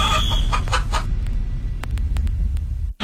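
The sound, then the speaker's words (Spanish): The rooster of the Radioactiva radio station, at the World Cup, crows once, loud, over a steady low rumble, then a few sharp clicks snap through before the sound cuts off abruptly. “El gallo de Radioactiva en el Mundial.”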